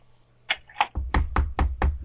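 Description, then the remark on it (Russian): Knocking on a wall or door by a trapped person signalling to rescuers: two light taps, then a run of five or six heavy, booming knocks in a quick, even rhythm, loud and with no voices. “Ну-ка, стучи.”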